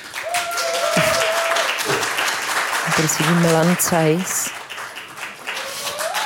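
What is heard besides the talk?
audience applause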